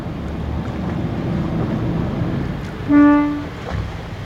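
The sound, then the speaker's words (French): A single short boat horn blast, a steady harmonic honk lasting about half a second, signalling divers in the water to come and hold on to the dive boat, over a continuous rumble of wind, engine and water. “il va mettre un petit coup de klaxon, comme ça les plongeurs vont venir s'accrocher”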